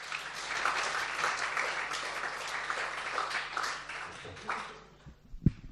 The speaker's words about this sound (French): Très bien, merci. Applaudissements.